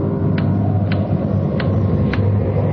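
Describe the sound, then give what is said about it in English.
A clock ticks loudly and steadily, about five sharp ticks at an even pace, set against a constant low rumbling hum in the background. “Loud clock, ain't it?”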